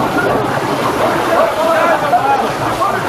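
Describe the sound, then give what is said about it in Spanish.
Loud, steady sloshing and churning of water flooding into a ship, reaching the rudder tube and still rising, continuing without pause for a few seconds with faint muffled voices mixed into the rush. “Dile al jefe de ingenieros que el agua llega al tubo del timón y sigue subiendo.”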